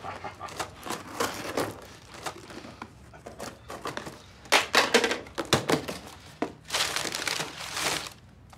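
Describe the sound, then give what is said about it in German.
Bursty rustling and crinkling as a parcel's packaging is cut open with scissors and torn open, with irregular loud crackles and scrapes between quieter pauses, no voices. “Haben Sie mal eine Schere da?”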